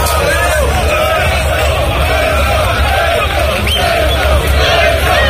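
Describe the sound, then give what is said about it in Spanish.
A large crowd shouts and chants in support of Spain's prime minister Pedro Sánchez while waiting in intermittent rain, a loud, continuous roar of overlapping voices, rising and falling with rhythmic cheering and no single clear speaker. “Y con gritos a favor del presidente del gobierno, de Pedro Sánchez.”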